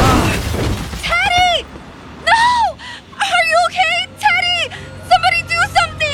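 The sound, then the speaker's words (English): A car strikes a young man wearing a helmet, smashing and cracking the helmet open: a sudden loud smashing crash at the start, followed by repeated rising and falling wails and pained cries that continue for several seconds. “Was this young man hit by a car?”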